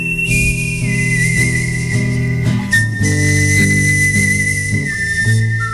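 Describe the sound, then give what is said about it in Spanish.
A clear, sustained whistled melody of Ennio Morricone's music from Sergio Leone films glides through long held notes over a steady strummed guitar and instrumental backing, whistled and played on guitar by a guitarist, with the whistle loud and no voices. “de las míticas películas de Sergio Leone, y con esa música que ahora está interpretando alguien muy especial, la música del gran Ennio Morricone, hoy está en Días de Verano este señor, este que está tocando la guitarra ahora y que silba así.”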